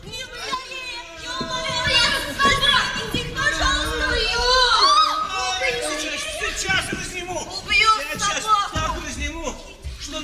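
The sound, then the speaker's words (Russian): A street fight in front of an office with a shouting crowd: many voices yell and jeer over one another, loud, overlapping, high-pitched cries that rise and fall throughout without letting up. “В это время перед конторой происходит драка.”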